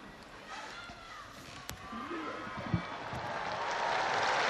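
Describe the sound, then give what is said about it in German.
A large outdoor crowd on St. Peter's Square, gathered to hear Pope Leo XIV, claps after the Pope's blessing in a broad, dense wash of applause that swells steadily louder, with scattered voices and a couple of sharp thumps. “Auf den Segen des Papstes folgt der Applaus der vielen Menschen auf dem Petersplatz, die sich eingefunden haben, um die Worte Leos des 14.”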